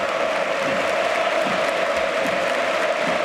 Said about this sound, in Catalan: Ovació per Gordon, amb la gent dreta també aplaudint, acomiadant Gordon, i ara... aplaudiments menys, però també sí. Per a Dejemi.